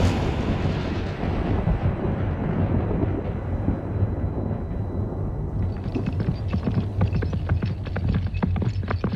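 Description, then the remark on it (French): Heavy, continuous rumbling thunder fills the scene, deep and loud throughout, with sharper cracking bursts breaking in during the second half, like a storm overhead. “En plus, certains habitants maîtrisent un art magique diabolique qui leur permet de déclencher, quand ils le souhaitent, des orages, des tempêtes et de gros coups de tonnerre.”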